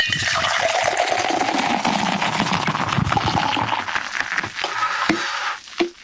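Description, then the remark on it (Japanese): Sapporo Nama Beer Black Label glugs steadily from a can held up high into a tumbler, a continuous foamy splashing pour with bright fizz that runs for several seconds before tapering off with a few final drips. “はい、では今度は、タンブラーを片手に持ちまして、 はい、 缶をねちょっと高めに持ってきます。”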